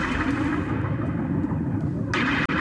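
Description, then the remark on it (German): At the opening of a song, a dense, continuous wash of rain-like crackle with scattered popping raindrops over a deep, steady rumble, loud throughout, with a brief brighter hiss near the end and no voices. “Und achten Sie jetzt mal drauf, wenn der Song losgeht, hören Sie ganz am Anfang so Regentropfen, die so, so aufploppen.”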